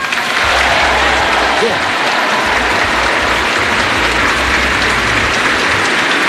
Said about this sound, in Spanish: Ahí tenéis el aplauso de la gente que en plena misa, o sea, confirma, líquida, ¿no?, celebra que se ha vuelto líquida.